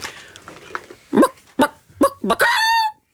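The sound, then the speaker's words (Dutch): A person imitates a chicken by voice, using a push from the diaphragm to make it more explosive: several short, explosive clucks, then a drawn-out, rising crow-like squawk that holds a high, bright pitch before cutting off. “En dan wordt het, dan moet ik eerst even mijn keel in de kippenstand krijgen.”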